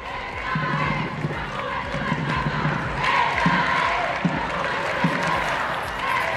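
A large crowd chants "Viva el Papa" and "Juventud del Papa" in the streets of Madrid on a hot, sunny Sunday during the Pope's visit, a dense roar of many voices with rhythmic rising cries and a few sharp thumps breaking through.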